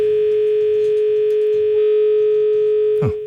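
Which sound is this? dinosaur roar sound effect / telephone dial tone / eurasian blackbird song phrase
telephone dial tone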